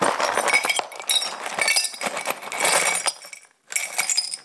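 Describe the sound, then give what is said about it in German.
Small glass shards, picked up with gloves, tumble and clink into an old jam jar in a dense, bright jangle, with a few short bursts separated by a brief pause; fairly loud, no voices. “Ich nehme mal hier ein paar von den kleinen Scherben. Mit den Handschuhen geht das.”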